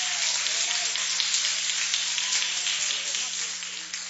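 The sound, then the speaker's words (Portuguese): A church audience applauds to welcome a preacher, in a dense, steady wash of clapping that holds at a fairly strong level for several seconds before easing off slightly at the end. “Receba o consagrado homem de Deus com palmas para o Senhor.”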